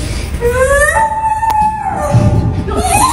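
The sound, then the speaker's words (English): A man doing bird impressions for cheering kids imitates a bird call with long, wavering whistled tones that rise and hold, then a short upward sweep at the end, over a steady murmur of background noise. “And after everyone, he has a stuffed animal for every bird he does.”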